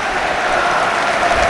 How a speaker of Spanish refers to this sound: Aplausos de Mestalla para el 16 del Fútbol Club Barcelona, campeón del mundo, capitán de la selección española.